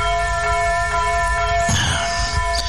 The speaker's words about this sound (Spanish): Espera. Escucha esta campana.